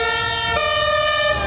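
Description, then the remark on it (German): A fire engine of the Frankfurt fire brigade (Branddirektion der Stadt Frankfurt) arrives with its siren wailing in a steady, piercing high tone with rich harmonics, loud and continuous over a low rumble of engine and traffic, with no talking. “Achtung, jetzt kommt gerade die Feuerwehr.”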